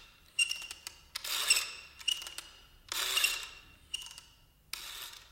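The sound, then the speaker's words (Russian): A clock spring being wound by hand until fully tightened: short bursts of ratcheting clicks alternate with longer rasping scrapes in a steady back-and-forth rhythm, fairly quiet, with no voices. “Я завожу часы нового царствования.”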